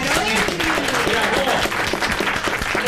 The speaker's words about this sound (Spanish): el aplauso.